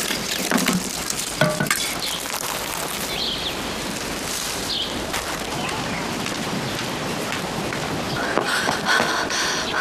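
Steady, crackling sizzle of jianbing pancake batter frying on a hot griddle, continuous, with occasional soft scraping strokes as it is spread. No one speaks.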